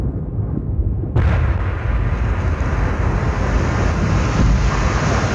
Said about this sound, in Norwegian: Klokken 15.25, mens han står og skravler inne på Oslo City, hører Dennis den store eksplosjonen i regjeringskvartalet bare 500 meter unna.